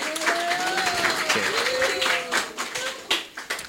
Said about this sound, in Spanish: Muchas gracias. Un aplauso a la compa, ¿no? Sí.